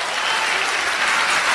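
A crowd claps steadily in applause for the Lord, a dense wash of applause holding an even, loud level throughout with no voices rising above it.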